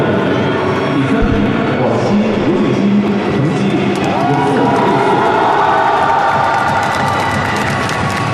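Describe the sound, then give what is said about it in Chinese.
A large hometown crowd in Guangxi cheers and applauds steadily for a host Guangxi athlete who won bronze, a dense wash of clapping and shouting voices that stays loud throughout, with occasional higher whoops rising above the roar. “我们刚才通过掌声来看到啊，这个家乡的观众也是为他是这个加油祝贺。”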